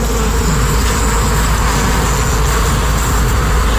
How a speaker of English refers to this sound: So there's a hive underneath that. So we're going to put the microphone down by the bees to see if we can get the full sound of what a hive sounds like.